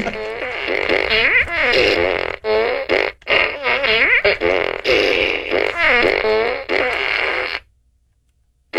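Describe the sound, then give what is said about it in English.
A person makes a loud, nearly continuous string of sputtering fart noises with wobbling, rising and falling pitch while a news story is read, broken by a few brief pauses, running for about seven seconds before cutting to silence. “Buy a bunch of farts”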